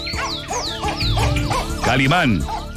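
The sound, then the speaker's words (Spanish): A dog named Calimán, which has bitten its tongue, barks and yelps repeatedly in short, high-pitched bursts, with a man's voice talking over and between the barks. “Con razón está ladrando así.”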